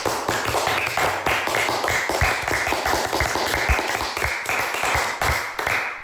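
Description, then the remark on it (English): A small group claps in a steady round of applause for everyone after their speeches, dense overlapping hand claps holding at an even, fairly loud level for about six seconds with no voices. “Let's have a round of applause for us all.”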